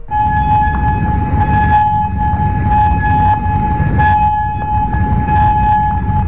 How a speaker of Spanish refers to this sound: Y esas sirenas en Kuwait también retumbaban en Amán, Jordania o en Bahrein a lo largo de este lunes, después de que Irán decidiera a lo largo del día replicar a una novena noche de consecutiva de bombardeos selectivos de Estados Unidos,